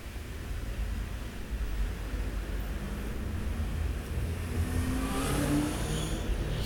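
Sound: cars accelerating away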